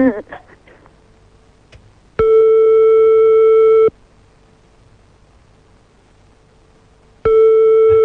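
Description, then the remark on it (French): Call tones from a call to a mobile phone: a brief voice fragment at the start, then two long, loud steady electronic tones separated by a few seconds of quiet line hiss, the call not going through. “Bon, déjà ça ne marche pas, donc on va faire l'autre numéro de téléphone portable.”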